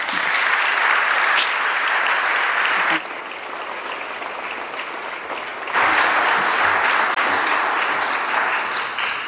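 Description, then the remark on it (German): Sustained applause from a sizable audience welcoming a speaker onto a stage, a dense wash of clapping that briefly softens in the middle before swelling again, with no voices over it. “Also jetzt bitte einen Applaus”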